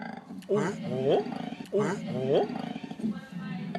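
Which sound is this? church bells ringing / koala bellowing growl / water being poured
koala bellowing growl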